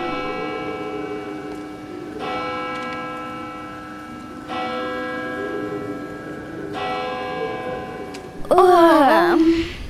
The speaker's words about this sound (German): So wie schon viele Male gongte es nun zu Mitternacht.